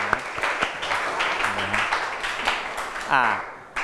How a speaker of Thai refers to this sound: ถูกต้องปรบมือให้กับกลุ่มที่6